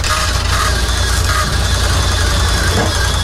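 A car engine idles steadily at a toll booth while a toll collector comes to collect money, a constant low rumble with a broad hiss layered on top, holding an even loudness throughout with no speech.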